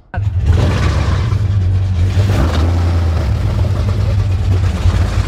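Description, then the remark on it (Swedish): A motorboat engine kicks into life abruptly, then settles into a loud, steady idle with a deep droning rumble and no voices. “Ja, men ska vi gå ner i den här båten?”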